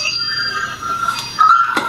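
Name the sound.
doorbell ringing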